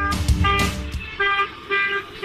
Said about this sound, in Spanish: A full a los bocinazos, todas las avenidas. Mariscal López, camino a Palma. Felicidad total en toda la República.